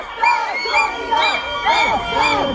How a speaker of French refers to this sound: Oui, c'est vrai, les anti-corridas se font entendre avec leurs sifflets et leurs cornes de brume. Certaines hurlent même des slogans.